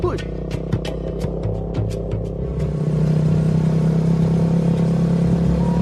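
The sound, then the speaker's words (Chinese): A motorcycle engine drones as He Kai rides up in pursuit, its low hum growing louder and steadier midway through, with a few sharp clicks and rattles early on. “不好了，哥，摩托车啊，是何凯，何凯追上来了。”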